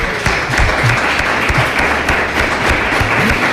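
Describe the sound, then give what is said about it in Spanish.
A crowd applauds a speaker who described the local municipality, many hands clapping steadily in a dense, continuous wash of noise that holds at an even, fairly loud level for a few seconds, with no voices standing out. “Pues o sea, vamos a aplaudirle, hombre, entonces.”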